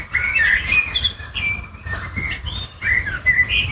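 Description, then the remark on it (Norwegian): A blackbird sitting on a house roof sings a series of clear, fluting whistled phrases, bright, with short pauses between them over a low background rumble, filmed by a neighbour with a mobile phone. “Hør! En svarttrost. Den sitter på et hustak og filmes til en nabo med mobilen.”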